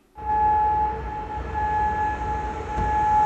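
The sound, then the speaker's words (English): A steady, sustained air raid siren wails at a constant pitch over a low rumbling background, loud and continuous, sounding across Kuwait City as the military's air defences intercept missiles and drones. “Well, sirens sounded, as you could hear, across Kuwait City as the military's air defences intercepted many of the missile and drones.”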